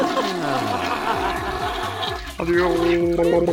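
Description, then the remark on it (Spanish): A toilet flushes with a steady rush of water lasting a few seconds, mixed with gliding and stepped tonal sounds, and the level jumps slightly toward the end. “No solo no tendrán una jalada de baño”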